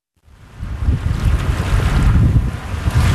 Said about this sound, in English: Summer on Cape Cod. Sun, ocean breezes, and plenty of waves.